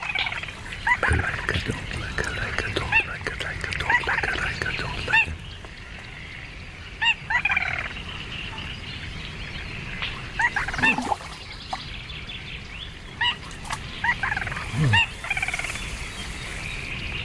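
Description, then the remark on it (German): A small rail calls again and again from marsh water, nasal squealing and chattering notes in uneven bursts, steady over a dense wetland background with no talking. “Augenhöhe mit einer kleinen Ralle. Das Wasser schwappt an seine Unterlippe. Hör doch erst mal zu.”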